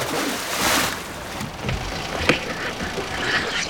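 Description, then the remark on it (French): A boat anchor is thrown into the water on the open sea after the boat's engine is cut, landing with one sharp splash partway through, over a steady wash of open-water and boat noise; no one speaks. “Je vais couper le moteur et plonger le rejoindre. Je jette l'ancre.”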